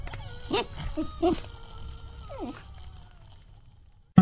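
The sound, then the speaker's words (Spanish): A dog named Cerbero whimpers as it is about to be fed, in a few short, high-pitched whines, the last one sliding downward in pitch, before the sound trails off into quiet. “Vamos a darle de comer a Cerbero y enseguida volvemos.”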